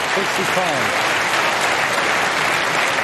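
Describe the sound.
Spectators at the Crucible applaud Wu Yize's repeated bold attempts steadily for the full three seconds, a dense, even wash of clapping, with a brief murmur of voices at the start.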